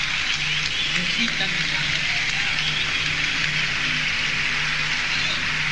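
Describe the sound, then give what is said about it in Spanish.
A crowd applauds steadily, a dense, even crackle of clapping that holds at the same loud level for the whole stretch with no break. “Un aplauso muy grande para Corbani, para José Luis Micheli, para la vieja Aníbal Barrios.”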